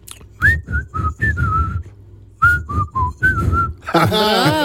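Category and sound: human body sound, whistling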